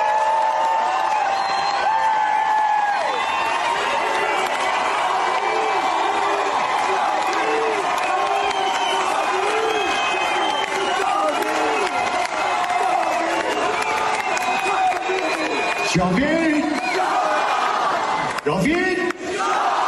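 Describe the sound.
A large concert crowd chants a slogan in unison, a loud, sustained roar of many voices with a rhythmic, repeating cadence and bursts of cheering throughout.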